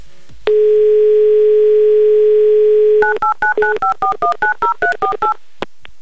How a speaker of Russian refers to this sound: А, набираю ваш номер.